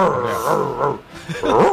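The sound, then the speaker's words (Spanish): A person voices an angry monkey, giving loud, strained groaning shrieks, first a sustained burst, then a brief dip and a second rising, wavering cry. “Mono cabreado.”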